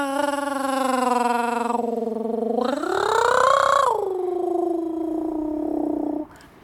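A voice imitates a cat's purr: a steady, throaty hum lasting several seconds, rising in pitch midway before settling back down, fairly loud with no other sounds.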